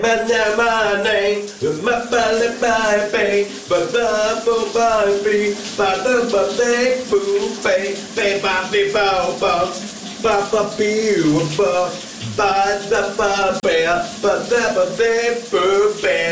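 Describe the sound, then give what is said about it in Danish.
Steady running shower water hisses in the background while a person sings loudly in the shower in the morning, the voice dominating over the continuous spray. “Vi skal genlytte med morgens brusebadshit.”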